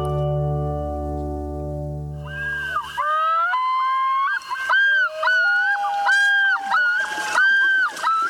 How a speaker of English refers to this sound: This common loon is one of several birds that is graceful in the water but nearly immobile on land. Loons are powerful swimmers and expert divers, catching fish by using their flat feet to propel themselves underwater.